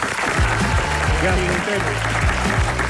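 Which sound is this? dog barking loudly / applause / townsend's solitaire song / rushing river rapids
applause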